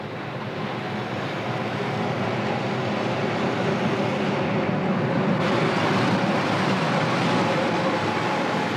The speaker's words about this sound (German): Achtung, Gleis 3, Einfahrt des Berliner Express nach Tirano, Inhalt in Berlin, Jolica, Ospizio Berliner. Alpengrün, Boschiavo, Le Prese, Brusio, Campo Florio, Abfahrt 10:58.